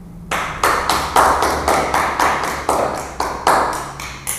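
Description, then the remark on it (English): Steady hand clapping by the speaker's fiancée, who joined for the end clapping, begins after a brief pause: about fifteen sharp, crisp claps at an even pace of roughly four per second, with no voices. “I now have my wonderful fiancée who has joined me for the end clapping.”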